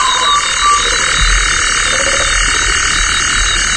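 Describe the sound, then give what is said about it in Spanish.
A toad croaks low and intermittently against a dense, steady nighttime insect chorus, with a brief call from an African crake rising faintly. “Un sapo, ¿eh? También hay sapo. Sí, y una polluela africana.”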